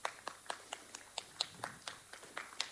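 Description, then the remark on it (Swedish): Applause for the winners of a competition, in a steady rhythm, with sharp individual claps spaced evenly, about four per second, sounding like only a few hands. The clapping is fairly soft and there is no talking. “Så att jag tycker vi alla gör dem en jättestor applåd för ett jätteduktigt jobb.”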